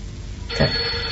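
A telephone bell starts ringing about halfway through, a bright, jangling trill that stays loud and steady to the end, with no voices over it.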